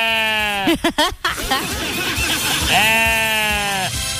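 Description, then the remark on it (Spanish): A donkey brays loudly and up close, right into a person's ear as it is let through a gate, a long strained honking call breaking into ragged wheezing gasps, then rising into a second drawn-out bray. “Oye, pero qué está como raro el burro, ¿qué le pasó?”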